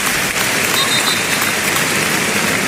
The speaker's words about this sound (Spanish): Ahora oiremos también esos aplausos en recuerdo a Jarque, pero qué bonito ese detalle, vamos a oírlo.